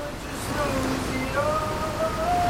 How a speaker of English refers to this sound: Is that the shower running in this video? Yeah, that noise. That's the water.